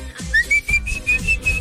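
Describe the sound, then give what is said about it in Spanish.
A person whistles a single high, steady note that climbs slightly, broken into a few short rhythmic pulses, fairly loud with no talking, the kind of whistle used at market taco stands. “No me vayan a llevar a las del mercado, aquellas donde chiflas y se mueve el chorizo así, les haces.”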